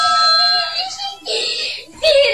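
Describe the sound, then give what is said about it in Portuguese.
A child screams with excitement in shrill, high-pitched bursts, loud, with brief breaks between three sustained shrieks and no other sounds around them, as the family reacts to a first food-delivery order. “Criança gritando, pra esposa.”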